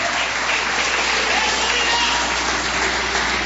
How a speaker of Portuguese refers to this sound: Jesus, se assenta, desocupa as mãos e glorifica Jesus com palmas e glória a Deus.